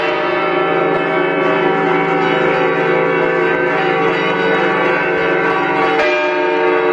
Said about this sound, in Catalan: Torre del Micalet, de las cuales las dos grandes suenan de manera lenta y cada vez más rápida, mientras el resto de campanas hacen el clamoreo, el clamor, repicando muy velozmente y siempre por debajo de las campanas mayores en cuanto a volumen.